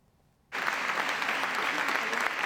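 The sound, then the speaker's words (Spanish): After a brief moment of quiet, loud crowd applause breaks out suddenly and continues steadily, a dense, unbroken wash of many hands clapping that holds its level to the end: a long applause at a Saturday-morning welcome in Ponferrada for Nevenka Fernández on her return after 25 years. “Un largo aplauso tras su regreso 25 años después de convertirse en la primera mujer en denunciar acoso sexual en política.”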